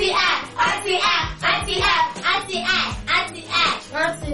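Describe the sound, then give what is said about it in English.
Rhythmic bursts of hand clapping, played as a sound effect after a correct answer in a children's quiz, repeat steadily for several seconds, fairly loud, with a low beat running underneath and a hint of children's voices mixed in. “Correct, it's sound clap.”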